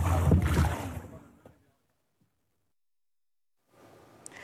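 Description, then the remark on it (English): Fishermen's small fishing boats on open water in Gaza's waters: a loud, rumbling wash of engine and sea noise that fades to near silence, then faint water ambience returns toward the end. “Despite the shortages and restrictions, fishermen continue taking their small boats into Gaza's waters, trying to secure whatever they can for their families amid widespread displacement and hardship.”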